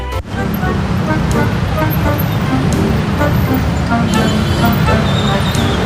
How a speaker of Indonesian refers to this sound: Aduh, mana macet lagi.